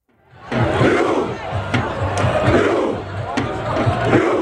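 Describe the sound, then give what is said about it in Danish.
A large crowd of Norwegian football fans chants the rhythmic "ro" (row) battle cry in unison, loud and steady with repeated low-pitched shouted beats over a broad roar. “Ja, der har ellers været norsk fodboldfeber hele sommeren, hvor ro kampråbet her også er gået hele verden rundt.”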